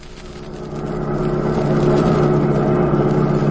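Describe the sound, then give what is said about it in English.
A car engine hums steadily as the vehicle drives along just outside Biloxi, Mississippi, a low continuous drone that swells slightly louder in the first second and then holds even, with no voices. “It's awfully sweet of you young men to drive me way out to my uncle's like.”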